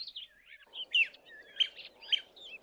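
A honeyguide bird twitters continuously in bright, high chirps and quick warbling phrases, with a few sharper peaks about half a second apart, over a soft low rumble.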